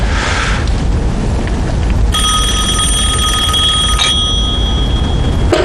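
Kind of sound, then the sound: signal or alarm, telephone bell ringing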